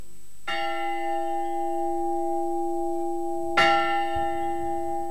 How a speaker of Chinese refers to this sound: 伴随赛珍珠成长的，除了泉水，还有这钟声。